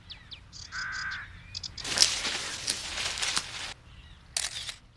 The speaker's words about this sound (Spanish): El canto de esa ave suena como el de un... trinador de cresta azul.